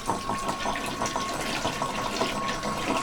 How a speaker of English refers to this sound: We're going to pick up the kitty water bowl. We're going to pour out the kitty water. We're going to flush the toilet so the cat knows that it's water time.